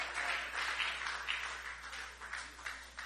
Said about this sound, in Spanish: Dele un fuerte aplauso al Señor, hermano.